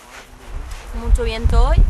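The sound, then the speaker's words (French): Strong outdoor wind on a mountainside at about 1224 metres altitude buffets the microphone in low, gusty rumbles that swell louder toward the end, while a person talks over it. “Il y a beaucoup de vent aujourd'hui.”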